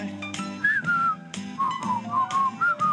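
Someone whistles a clear, wavering melody along with an upbeat song, the tune rising and falling in short phrases over steady music and a rhythmic beat.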